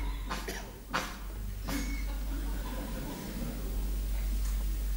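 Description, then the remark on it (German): A few sharp, raspy coughs burst out in the first two seconds, then give way to a steady low hum and quiet background noise. “Auch der Husten muss sein.”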